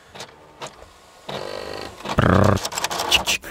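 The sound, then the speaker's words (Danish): A fax machine runs: a couple of short ticks, then a steady mechanical whir, a loud buzzing tonal burst with pitched beeps, and rapid clattering pulses as it feeds and prints. “Så kører faxmaskinen bare.”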